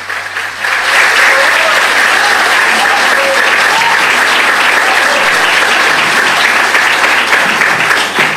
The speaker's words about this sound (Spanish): Vamos a aplaudirlo mientras llega aquí al atril.